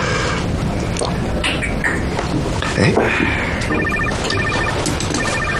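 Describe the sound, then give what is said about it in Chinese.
A telephone being dialed to call a sister whom a table of people is waiting for, with a series of short, evenly spaced electronic beeps and ringing tones standing out over a dense, noisy background of murmuring voices. “那我给他打电话。”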